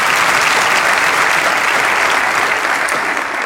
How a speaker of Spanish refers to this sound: Vamos, dale ese aplauso.